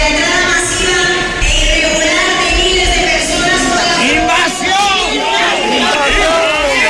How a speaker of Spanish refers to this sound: Cientos de personas interrumpían así el manifiesto que leía la alcaldesa del Partido Popular al grito de invasión. Es un grito, un cántico que se ha repetido en buena parte del país.